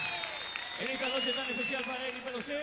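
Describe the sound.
An audience claps steadily for a couple of seconds, a dense crackling wash that runs throughout, with a sustained voice or tune holding tones over the top.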